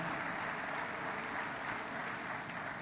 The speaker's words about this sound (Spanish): Un aplauso a Mario Delgado Carrillo, amigo, secretario.